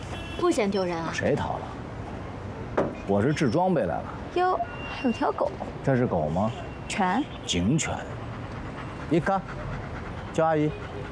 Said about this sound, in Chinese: 哟，还有条狗。 这是狗吗？ 犬。 警犬。